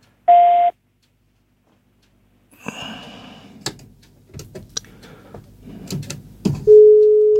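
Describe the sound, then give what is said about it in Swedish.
A short telephone tone sounds, followed by a few seconds of clattering handset noise as a caller's phone line drops. Then a loud, steady busy tone starts and carries on to the end of the line. “där är Rolf inte kvar på telefonen längre”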